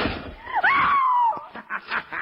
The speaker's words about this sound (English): The door is locked and closed upon you, Shadow.